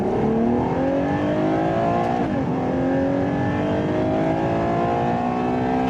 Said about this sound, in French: 725 chevaux pour ce joli bébé de 2 tonnes 1. Je pense qu'il fallait pas moins de cylindres. Qui dit V12 dit quand même sonorité assez noble. Écoutez ça.